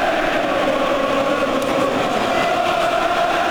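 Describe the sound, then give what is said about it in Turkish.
A loud, steady roar of a stadium crowd cheering at Wembley during the Anthony Joshua versus Vladimir Klitschko boxing fight, a dense, unbroken wash of noise that holds at the same level throughout, with no distinct voices standing out. “Müthiş bir tezahürat var Wembley'de.”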